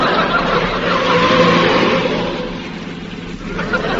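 A car engine revs and accelerates steadily as the driver goes faster, a loud continuous roar with rising and falling tone, with faint voices in the background.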